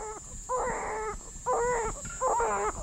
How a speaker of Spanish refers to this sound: Escucha. Está llorando desde adentro de la panza. Pone su oreja sobre el vientre de ella.